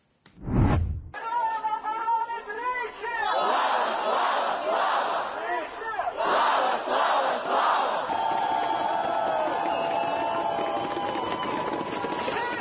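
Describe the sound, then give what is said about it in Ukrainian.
A large protest crowd chants and roars together, a dense wall of raised voices with rhythmic surges of shouting, loud and sustained after a brief sharp burst at the start. “Дивіться на цей натовп.”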